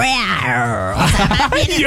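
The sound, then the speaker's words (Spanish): A person imitates a tiger growl: a drawn-out, moaning voiced tone that breaks into a rough, raspy snarl with a few choppy bursts, loud and filling the short clip. “No, comadre, como tigre, no como tigre. No como gata.”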